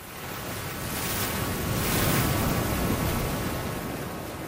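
Ocean waves wash onto a beach in a steady, hissing roar that swells to a peak midway and then eases back, with no voices.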